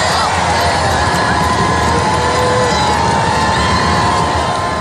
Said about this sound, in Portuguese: À chegada de Leão XIV, a multidão estendia-se em filas de mais de 2 quilómetros, desde a praça ao Arco do Triunfo, para receber o Papa com cânticos e aplausos.